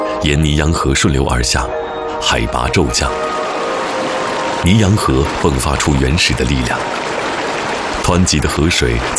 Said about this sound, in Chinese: 沿尼洋河顺流而下，海拔骤降，尼洋河迸发出原始的力量。湍急的河水在峡谷中奔涌，水花撞击岩壁的轰鸣，这是大地最深沉的心跳。